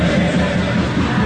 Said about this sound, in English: This is the sound of victory in Buenos Aires after a stunning come-from-behind win for Argentina's national football team in a semifinal match with England at the World Cup.